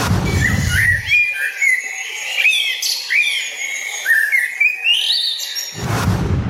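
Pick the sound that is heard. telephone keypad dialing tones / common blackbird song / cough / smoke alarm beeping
common blackbird song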